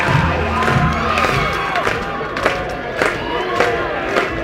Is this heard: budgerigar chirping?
no